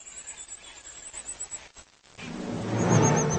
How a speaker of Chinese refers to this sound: 它的叫声不仅尖利持续，而且效果和一窝小鸟讨要食物的声音不相上下。